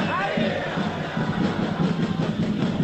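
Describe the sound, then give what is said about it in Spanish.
A large football stadium crowd shouts and roars together at player Sánchez as the players come out, a dense, steady wash of many voices that stays loud for the full three seconds with small swells, no single voice standing out. “Siguen saliendo los jugadores, Sánchez, ahí viene, se chocan las palmas, la gente le grita, escuchen.”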